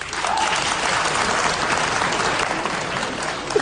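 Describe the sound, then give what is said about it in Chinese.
A large audience at a Chinese crosstalk (xiangsheng) comedy performance breaks into sustained, dense applause, a steady wash of clapping hands that stays loud and even from start to finish with no voices on top. “反正现在啊，给我鼓掌的朋友保证您回家24小时之内发财100万。”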